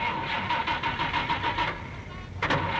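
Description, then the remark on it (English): A car engine cranks with a rapid, rhythmic whir for a couple of seconds, pauses briefly, then catches with a loud burst as a driving instructor starts the car for a driver education lesson. Fairly loud, with no voices. “Now first we turn on the engine.”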